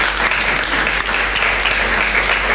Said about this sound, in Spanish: ¡Feliz Día de la Madre! Un aplauso a todas las madres.